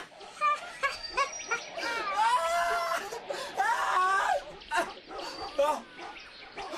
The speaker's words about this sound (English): What's that? The dogs!